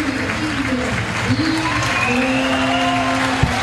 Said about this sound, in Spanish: Tibios. Buenos aplausos para Messi.